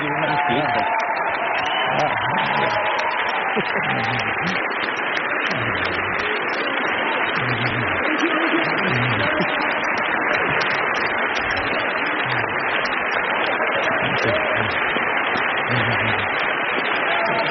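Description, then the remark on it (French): A large standing audience in the hall at the 79th Cannes Film Festival applauds steadily and continuously, with scattered voices calling out bravo and cheering over the dense wash of clapping, sustained at an even level throughout, as Peter Jackson receives an honorary Palme d'Or. “Tout le monde est debout hein, dans la salle et on entend effectivement les bravos et les applaudissements.”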